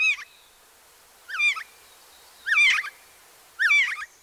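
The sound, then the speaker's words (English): A Canada Jay, also called Whiskey Jack, gives four short, whistling, slightly warbled calls at roughly one-second intervals, clear, with nothing else in the background. “Then, in the depths of winter, the Canada Jay still has something to eat.”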